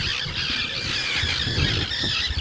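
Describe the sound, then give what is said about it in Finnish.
Loud, continuous shrill calling from several common terns that have just appeared, harsh overlapping squeals filling the whole stretch, with low rumbling wind or handling noise underneath. “Kalatiirat pitää tuossa nyt kovaa meteliä, nekin ihan vasta hetki sitten ilmestyi tuohon.”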